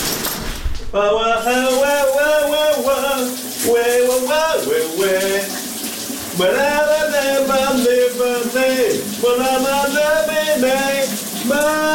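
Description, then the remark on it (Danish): A man, a radio host, sings in the shower in long, wavering melodic phrases with heavy vibrato and short breaks between lines, while a steady hiss of running shower water continues underneath. The song is from 1989. “For han er jo også en radiovært, udover at han synger for dig under bruseren.”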